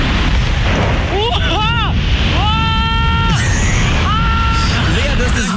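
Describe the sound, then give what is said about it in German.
Loud, high-pitched screams of a person in free fall during a bungee jump, a wavering cry followed by two long sustained yells, over a constant roar of rushing wind. “Wahnsinn, dieser Schrei am Ende.”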